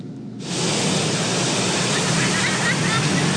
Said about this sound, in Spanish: Este fin de semana el fenómeno del Mar de Fondo se resintió en las playas de Acapulco. El alto oleaje se notó con fuerza en Playa Papagayo, así como en Caleta y Caletilla.